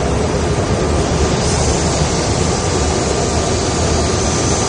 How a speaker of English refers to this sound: Here's unamplified video taken from the back of a commuter jet.